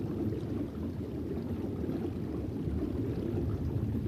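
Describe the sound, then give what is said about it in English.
A steady, unbroken rush of flowing river water beside the Congo whirlpool, a dense low-pitched roar with a faint hiss on top, holding an even loudness throughout with no voices. “This member of the tilapia family has a flattened body with very low resistance to the rushing water.”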